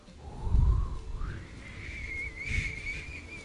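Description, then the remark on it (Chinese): Someone whistles a tune in a thin, clear tone, starting with a low phrase and rising to a sustained higher note that wavers slightly, over soft low rumbling, with no talking. “我自己吹完，不好意思，你练了很久了，不好意思，我真的练了很久”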